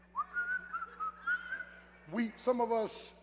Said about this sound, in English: Whistle while you work.